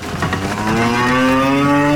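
A cow lets out a long, loud moo, its drawn-out call rising slightly in pitch over a brief burst of shuffling, noisy commotion at the start, as a farmer's cows are let out of the cowshed onto fresh grass after a long winter indoors.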